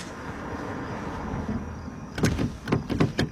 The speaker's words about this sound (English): Oh, Dina, the door's stuck. Oh, sorry. Thanks. Oh, sorry. There it is. It's a little finicky.